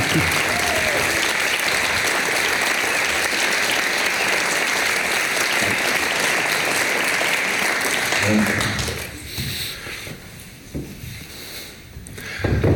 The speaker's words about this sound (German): mit einem antiautoritären Jubel hier willkommen zu heißen.